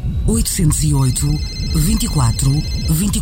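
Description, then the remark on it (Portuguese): A mobile phone ringtone plays, a steady electronic tone with a faint high repeating pattern, heard beneath continuous talking that largely masks it. “Mãe, o telemóvel? Olha, perdi-o.”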